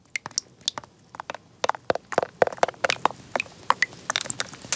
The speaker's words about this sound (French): Tu entends? C'est la pluie. Que c'est joli.